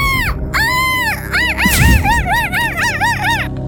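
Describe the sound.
A person imitates a seagull, giving a long arching cry followed by a rapid series of shorter, rising-and-falling yelps, loud and nasal with strong harmonics.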